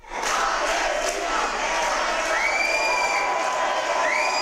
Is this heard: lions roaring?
no